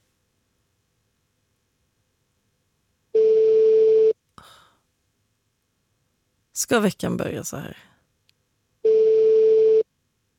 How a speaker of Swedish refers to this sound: Det var väldigt många signaler som går innan telefonsvaren. När ska jag ge upp liksom? Det är så svårt att avgöra. Hur många kan det ha gått nu? 10-15?